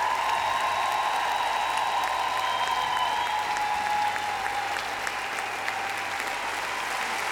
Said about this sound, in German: Und einen großen Applaus für die Herrschaften, die richtig Vollgas gegeben haben.